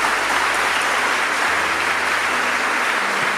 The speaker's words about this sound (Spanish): Denle un aplauso a Cristo el Todopoderoso.